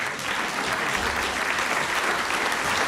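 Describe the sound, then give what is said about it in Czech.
Sustained applause from a large audience fills a hall as the Czech Republic champions enter, a dense, steady wash of many hands clapping at once with no pauses, loud and enveloping throughout. “A do toho potlesku vydržte s tím potleskem, protože takhle bouří hala a do toho vchází mistři České republiky a vchází náš reprezentant, chlap jako hora, skvělý člověk”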